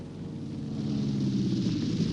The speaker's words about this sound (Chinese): 一听到这熟悉的飞机声，真由美知道这是爸爸回来了。为了参加竞选，几天来他爸爸都是亲自开着飞机四处奔忙。